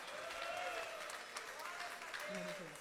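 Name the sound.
audience clapping hands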